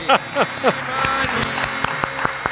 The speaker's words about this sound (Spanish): Arriba con el público, un aplauso, un aplauso, un aplauso.